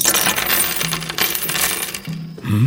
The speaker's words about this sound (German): König Obashite III sammelt die Muscheln ein und wirft sie zusammen mit Steinen und Münzen wieder auf den Tisch.